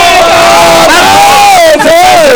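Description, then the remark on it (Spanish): A large crowd roars and cheers wildly after a countdown, a loud, sustained wall of voices with shrill whoops and yells rising and falling over the din. “Ahorita la gente sale y se vuelve loca.”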